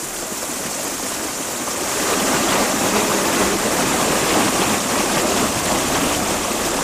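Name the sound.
flowing stream water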